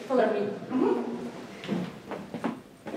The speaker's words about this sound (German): Der Weg zu Dana Björk, er führt über knarzende Holzdielen.